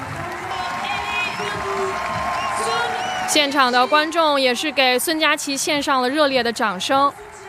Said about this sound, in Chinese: 现场的观众也是给孙佳琪献上了热烈的掌声。